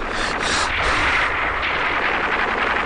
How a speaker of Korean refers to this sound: 총소리는 점점 더 자지러지었다.